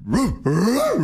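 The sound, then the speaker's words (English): A person imitates a wheezy chihuahua bark: two strained, breathy yelps, the second one longer, with a pitch that rises and then sags. “It's either giving a dog in puberty or a dog about to die.”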